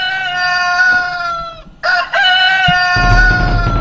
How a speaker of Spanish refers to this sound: Y el gallo está queriendo cantar, el gallo está queriendo cantar. Y lógicamente, con ese gallo que está cantando ahí,